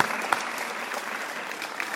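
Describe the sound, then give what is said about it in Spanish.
An audience at a school event claps to welcome the president of the Fechac local council, a dense, even wash of many hands at moderate loudness with a few sharper individual claps standing out, sustained without pause and without voices. “Recibámoslo con un fuerte aplauso.”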